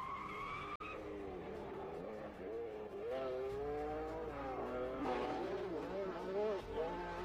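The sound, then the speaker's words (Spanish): A high tire squeal opens, then the engine of a Lancia Stratos, an Italian 1970s world rally car, revs and rises and falls in pitch, loud, with skidding tires throughout. “Sin duda que uno de los autos más extraordinarios y más recordados fue el Lancia Stratus, aquel auto italiano que dominó por los años 70 el rally mundial.”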